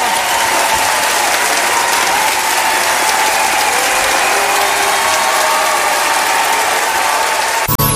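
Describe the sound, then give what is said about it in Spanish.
Loud, sustained applause from a large audience for the performing artists at a special celebration night, a dense continuous patter of clapping that fills the whole stretch before cutting off abruptly at the end. “¡Fuerte el aplauso!”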